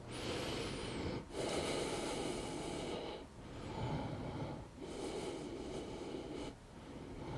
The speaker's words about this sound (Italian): Una volta che ho finito le 10 ripetizioni, rilasso agganciando prima un ginocchio e poi l'altro. E sono fermo per 10 respirazioni, mi ascolto.